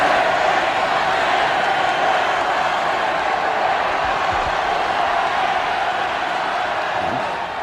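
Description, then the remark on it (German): A crowd of hundreds of thousands at Vienna's Ballhausplatz cheers enthusiastically as skier Karl Schranz steps onto a balcony, a dense, continuous roar that stays loud and steady throughout, with no distinct individual voices standing out. “Die Menge jubelt ihm begeistert zu.”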